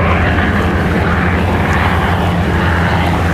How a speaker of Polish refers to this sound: Z kolei dziś w południe nad Wisłą przeleciały wojskowe samoloty i śmigłowce. Mieszkańcy i turyści, jak usłyszeliśmy, zachwyceni.